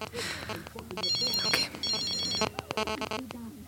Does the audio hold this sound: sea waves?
no